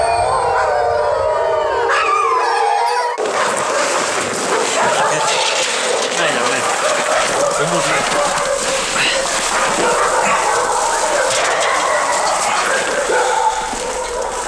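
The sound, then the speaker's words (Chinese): Young wolves, mostly caught by herders at the start of winter and kept at Gao Weidong's place, howl in high, wavering tones for a few seconds. They then break into a loud, dense chorus of yips, whines and yelps that continues without pause. “不看不知道，在大多数地方人们只能在动物园里才能看到的狼，在高伟东这里还真不少，包括这几只小狼在内，绝大部分是刚刚入冬就被牧民抓住的，其中有的甚至已经落下了残疾。”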